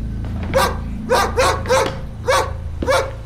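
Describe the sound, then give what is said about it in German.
A dog barks six times in a steady, evenly spaced series of sharp, loud yaps over a low rumbling background hum. “Der Hund hatte sich vor die Leiche gesetzt und blickte Redmond an.”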